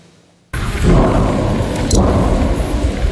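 A brief hush, then an explosion at the Emko military ammunition plant near the village of Belitsa, near Tryavna, shortly after 10:30 in the morning, erupts abruptly into a loud, deep, roaring rumble that sustains heavily for a few seconds with a crackling, rushing texture and no voices.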